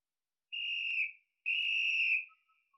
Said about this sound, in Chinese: 又换了个地方吹起了哨子，用这种麻雀战配合地雷战， 是一种极好的打法，用这种办法对付敌人，把他们弄得晕头转向。